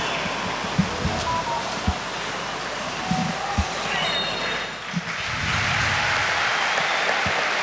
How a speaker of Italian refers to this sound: Gli applausi del Maradona